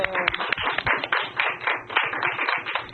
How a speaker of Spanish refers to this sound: ¡Muy bien! ¡Otro aplauso!